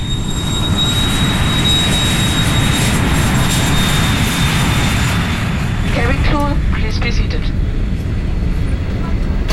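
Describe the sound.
A steady, loud airplane engine drone fills the cabin of a plane flying 12,000 metres up in July 1976, carrying a band to London, with a constant low roar and faint high whine, while brief muffled voices surface near the end.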